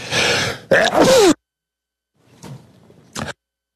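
sneeze

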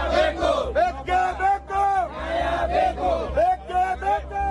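protesters shouting

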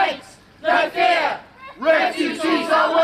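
loud protest crowd shouting

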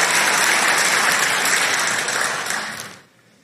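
crowd applauding

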